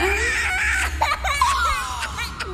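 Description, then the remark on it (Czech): A baby inside a sack babbles and fusses, making a steady run of high, wavering cries and gurgles, with a low rumble underneath and no one talking. “Děcko. To vám pro dnešek musí stačit. Jedno malé děcko pro nás tři?”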